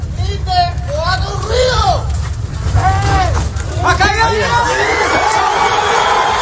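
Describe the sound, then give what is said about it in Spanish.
A crowd at a rescue site in Colombia erupts in loud, excited cheering when a man trapped in the rubble answers with a desperate shout and is rescued. Many overlapping voices shout with rising and falling pitch over a steady low rumble, sustained for the whole stretch. “Pues la exaltación de la gente cuando escuchan ese grito desesperado de como respuesta del hombre que está atrapado ahí entre los escombros y que finalmente han conseguido rescatar.”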